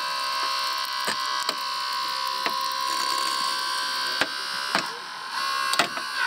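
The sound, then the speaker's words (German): Hydraulic rescue shears cutting through a car: a steady mechanical whine runs throughout while sharp metallic cracks and snaps burst out every second or so, fairly loud. “Genauso funktioniert das jetzt auch. Nur, dass wir das Auto kaputt schneiden.”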